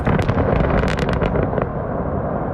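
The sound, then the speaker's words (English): An explosion used to create an open pit coal mine right beside a Russian village in the Kuzbass: a loud, sustained rumbling blast with a cluster of sharp cracks and pops near the start, rolling into a dense roar of debris that fades slightly over a few seconds. “Lementyev sent me videos showing explosions used to create open pit mines right beside Russian villages”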